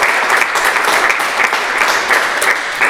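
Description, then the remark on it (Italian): An audience applauds a guest who uses a wheelchair, giving her a moment to catch her breath. Dense, overlapping clapping fills the full few seconds, steady and loud, without any talking. “Ecco, intanto ti facciamo un applauso, così intanto prendi un po' di fiato.”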